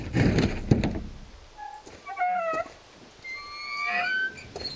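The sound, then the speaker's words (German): The heavy, unlocked door of a private crypt on an estate opens: a dull clunk of the latch, then a series of long, high, squealing hinge creaks rising and falling as it swings, with no voices. “Hoffentlich ist die Tür nicht verschlossen.”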